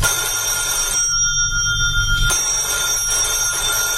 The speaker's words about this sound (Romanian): Răspunde la telefon. Dacă e tot domnul Hagi Iordan, nu sunt acasă.